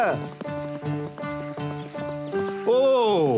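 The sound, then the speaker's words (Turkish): Steady, rhythmic clip-clop of horse hooves trotting as the horse is urged to go faster, ending in a loud, wavering neigh that rises and falls over the last half-second. “Daha hızlı beygir, daha hızlı!”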